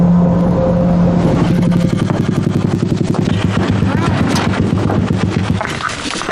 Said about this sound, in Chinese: 天色未明，周柯宇已骑着三轮摩托车驶向那片布下渔网的冰面